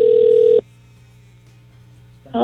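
A phone ringback tone on an outgoing call: a steady electronic buzz sounds for about half a second, cuts to near silence, then starts ringing again at the very end. No one speaks.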